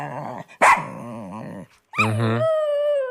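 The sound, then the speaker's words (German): A dog, Fiete, on the show Die Sendung mit dem Hund, gives a sharp single bark amid grumbling, whiny vocal noises, then lets out a drawn-out howl that holds steady to the end. No one speaks. “So, Fiete, jetzt erzähl noch mal ein bisschen was.”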